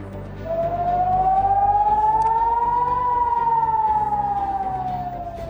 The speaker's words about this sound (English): That is sirens going off a short while ago in Haifa